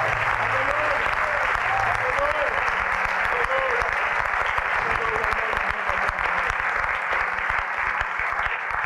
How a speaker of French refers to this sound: Give him a great hand clap of praise. Applaudissez-le, s'il vous plaît.